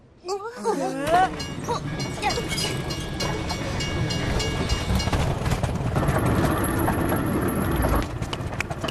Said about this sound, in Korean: 안 되겠어. 우리도 우선 기차를 타자. 기차가 지나가면 문이 다시 닫힐지도 몰라. 기차!